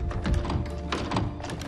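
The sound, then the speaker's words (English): A young woman tries the handle of a locked door, one of many doors in a dim rotunda: the handle is jiggled, producing a steady run of dull thunks and metallic clicks over about two seconds, with no voices. “She goes to the next door on her left.”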